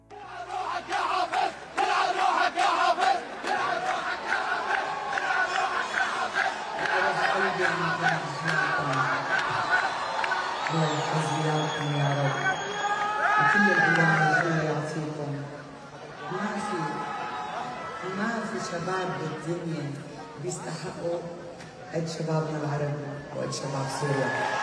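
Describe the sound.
A large concert crowd chants political slogans, including that Bashar al-Assad has fallen, together in loud, rhythmic unison, voices massed and sustained throughout, with a few brief dips where the chant swells again.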